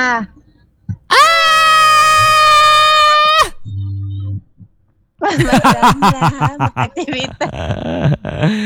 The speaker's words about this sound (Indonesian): Teriakan maut itu tadi ya.